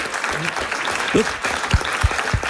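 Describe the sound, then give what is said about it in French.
Steady applause from a crowd for a hard-won correct quiz answer fills the whole moment, dense and continuous, with a few low voiced sounds and murmurs poking through underneath. “Et je trouve que ça s'applaudit parce qu'il fallait aller la chercher, cette réponse-là.”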